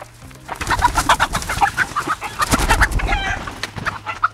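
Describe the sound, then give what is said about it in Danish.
Chickens cluck busily in a henhouse at Mellsted Gård farm, a dense overlapping chorus of short clucks and squawks, fairly loud, with a low steady hum underneath. “Kan I høre, hvor jeg er henne? Du er i hønsegård. Skal du være sød ved de der høns?”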